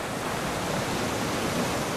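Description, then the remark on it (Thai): A steady, broad wash of ocean surf at Lanta island fills the whole stretch, a constant rushing hiss with no distinct breaks between waves and no voices. “แต่ถ้าเราได้ฟังเสียงคลื่นให้นานพอเราจะรู้ว่าทะเลเก็บความทรงจำของผู้คนเอาไว้”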